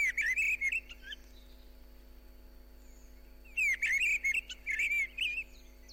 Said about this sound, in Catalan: En aquest capítol heu escoltat el cant d'aquests ocells. Griva, Turdus piscivorus. Ocell de zones boscoses i camp obert que resideix tot l'any als trams alt, mig i baix.